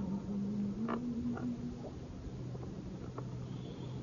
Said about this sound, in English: The katydid start chirping close.